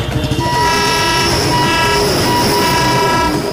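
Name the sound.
train moving on rails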